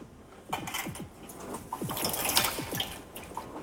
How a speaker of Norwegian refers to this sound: For en stund siden så ble en familie døpt her i Kroken kirke. En far, hans to barn og hans mor. De tok imot dåpen og gaven. En hel familie, tre generasjoner. Vannet rislet.